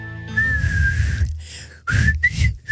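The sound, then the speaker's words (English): A person whistles a short, wavering theme tune melody, with one sustained note, a brief pause, then a few quick rising notes, with breathy noise and low background rumble underneath. “He can't do the whistle, but he can play the theme on the piano. Well, you do the whistle.”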